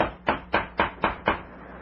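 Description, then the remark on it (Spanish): Six quick, evenly spaced knocks rap on the wooden door of the cabin occupied by Dr. Quiro, fairly loud, with no voices in between. “Y 2 horas y media después, los deseos de Calimán parecen realizarse porque han llamado a la puerta del camarote ocupado por el siniestro Dr.”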